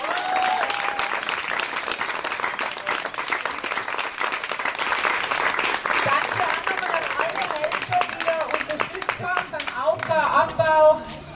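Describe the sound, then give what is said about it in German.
A crowd applauds steadily for the musicians who have just played, a dense wash of many hands clapping that holds at a fairly even loudness throughout, with a few voices and cheers rising through it near the end. “Bitte nochmal einen großen Applaus.”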